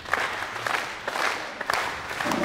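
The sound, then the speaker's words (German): Steady applause from an audience at a cow beauty contest in Brandenburg, Germany, as the winning group is announced; many hands clapping at once in a dense, continuous patter at moderate volume, with a faint murmur of voices underneath. “Ich möchte gerne die Siegergruppe bekannt geben und würde Sie bitten, das Ganze mit einem kleinen Applaus zu unterstützen.”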